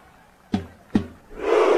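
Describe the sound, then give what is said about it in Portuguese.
Haaland strikes a drum with a drumstick: two heavy, booming strikes land a beat apart, then a large stadium crowd of fans erupts into a loud, sustained roar of shouting. Recorded by a Gaúcha microphone beside Haaland. “E a torcida grita.”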